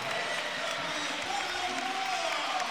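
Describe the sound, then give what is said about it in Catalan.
A crowd applauds steadily as captain Carlos Barrón comes on as a substitute for the last five minutes of the regular league season: a dense, continuous wash of clapping that holds an even level throughout, with a faint tonal whistle-like line drifting through the middle. “I ara entrarà Barrón, l'aplaudiment de Somos.”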